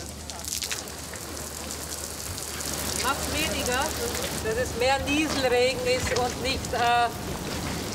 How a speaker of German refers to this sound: Dass es mehr Nieselregen ist und nicht Platzregen. Noch feiner geht. Also kleinere Tropfen.